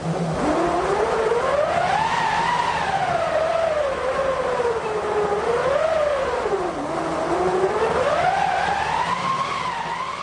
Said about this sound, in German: Eine Walze mit Kurbel, ein eingespanntes Stück Stoff aus Segeltuch oder Leinen und ein Holz- oder Metallgestell. Daraus besteht eine Windmaschine und die kann solche Klänge erzeugen.